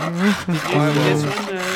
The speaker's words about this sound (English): I just need to work on this stuff while we're talking, all right? So I mean, if you don't mind, I'm going to keep sawing here.